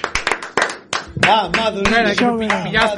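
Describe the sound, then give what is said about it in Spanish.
Scattered hand claps build into brief applause, sharp irregular slaps at first, then voices shout and cheer loudly over the continuing clapping. “Por favor, falta aplauso, que non marche”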